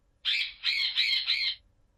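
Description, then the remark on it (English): A parrot squawks loudly, a harsh burst of four quick squawks running together for just over a second, with no voices. “I'm Parrot.”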